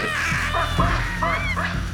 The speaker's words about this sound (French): Les babouins, c'est rapide et ça fait beaucoup de bruit. Paniquée de l'avoir rencontrée, la troupe de singes se met à pousser de puissants cris d'alarme qui résonnent dans toute la vallée.